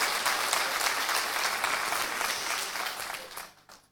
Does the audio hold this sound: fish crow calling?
no